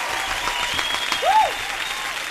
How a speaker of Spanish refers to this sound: Aplausos. Sí, aplausos.